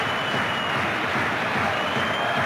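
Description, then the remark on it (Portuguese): A stadium crowd at a Sporting football match applauding Uruguayan player Maxi Araújo as he takes the ball, a dense, steady wash of clapping blended with a broad crowd roar that stays loud and even throughout, with no voices standing out. “Muito aplaudido.”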